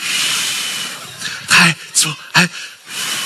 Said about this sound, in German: Kinder, helft mir schnell. Bleibt sitzen, aber pustet mit mir mit. 3, 2, 1.